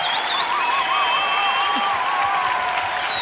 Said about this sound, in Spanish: …. Señoras y señores, el mejor músico de este país. Un aplauso enorme para él, por favor.